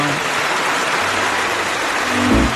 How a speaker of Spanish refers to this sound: primero que nada, un aplauso para toda la banda que participó.